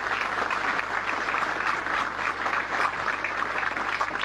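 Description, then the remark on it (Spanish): Sustained crowd applause at a political event for the list 1 candidates for town councillor, a dense steady patter of many hands clapping at an even, fairly loud level throughout, with no voices standing out. “Quiero saludar a las autoridades presentes y a los candidatos a concejales de la lista 1, que pido un fuerte aplauso para todos mis compañeros.”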